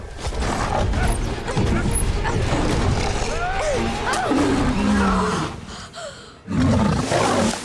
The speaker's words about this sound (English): to reach out for one of the tranquilizer darts on the ground, but the lion attacks again, clawing underneath the vehicle at him.